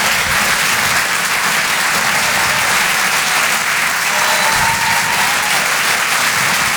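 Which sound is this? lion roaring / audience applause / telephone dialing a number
audience applause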